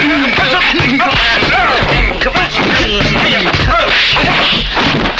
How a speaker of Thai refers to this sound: เราไม่รู้ไอ้สองตัวนี้มันเป็นใครวะทำไมมันชกมันเตะเองล่ะ